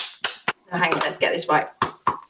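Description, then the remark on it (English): Several sharp, loud hand claps land at an uneven rhythm, with a burst of voices or laughter between them, mimicking the slapping sounds of sex. “Oh, that's a lovely bit of clapping action there.”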